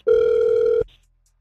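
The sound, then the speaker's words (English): A single loud, steady ringback tone from an outgoing phone call, buzzing for under a second before cutting off into silence. No one speaks. “We're going to call him right now.”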